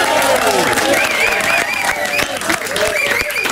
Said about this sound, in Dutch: Ladies and gentlemen, mag een grote applaus voor